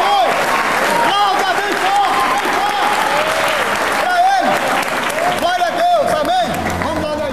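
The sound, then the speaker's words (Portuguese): A crowd applauds the name of Jesus after a healing at a religious service, steadily for several seconds, dense overlapping claps at a constant loud level, with a few voices calling out over the clapping. “Então, aplauda o nome.”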